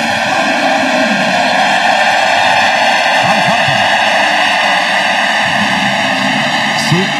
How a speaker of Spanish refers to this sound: captura la pelota Tristan Peters, que había entrado por Cody Bellinger, es el primer out del inning. Y entonces aquí recibe la ovación.